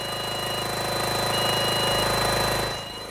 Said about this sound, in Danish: Det er korrekt, og den lyd, vi kan høre i baggrunden, det er altså den støvsuger, der skal være med til at bekæmpe de larver, der er fundet her på Amagerfællet.